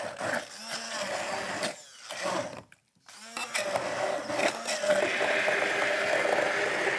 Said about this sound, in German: So, unsere Erdbeeren geben wir also jetzt in das Glas und geben also jetzt zunächst mal in unseren Mixer hier rein. Bitte? Das duftet, riecht schon, ne? Lecker, ja, ja, ja, ja. So, machen wir die erstmal klein.